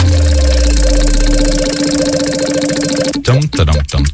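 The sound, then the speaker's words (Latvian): A big prize wheel, Puto's big wheel of fortune in a call-in prize game, spins with a steady whirring hum and fine rapid rattling for about three seconds, then a voice starts talking as the spinning sound stops. “Tagad kopumā, kad vien esi gatavs, vari teikt slavenos aiziet vārdus, jeb vienu vārdu, un Puto lielais laimes rats arī iegriezīsies.”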